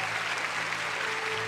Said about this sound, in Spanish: Aplausos a Dios que vive y permanece para siempre.